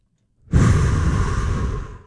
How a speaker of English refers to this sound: Grounded. Feet on the ground. Rhythmic breathing.